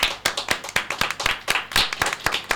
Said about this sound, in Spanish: Le mandemos un aplauso a mi querida.